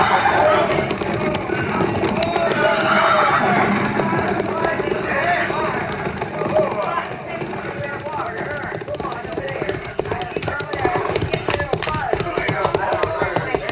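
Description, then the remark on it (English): Many horses' hooves of a mounted party clatter in a dense, uneven clip-clop as they slow to a stop near a creek, with murmuring voices mixed in. The sound stays steady and busy throughout, with sharp hoof knocks scattered over a constant rumble. “Tell the men to dismount and unsaddle, pin grazing water.”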